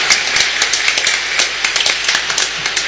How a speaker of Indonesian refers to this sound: Kita beri tepuk tangan untuk kita semua.